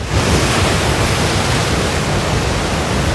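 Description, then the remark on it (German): A steady, loud wash of surf with waves breaking continuously, a dense roaring hiss filling the whole short stretch without pauses or voices. “Oh, ich will jetzt am Meer sein, ich will jetzt im Urlaub sein.”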